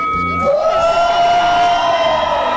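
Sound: audience shouting and cheering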